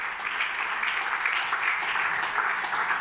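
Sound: audience applauding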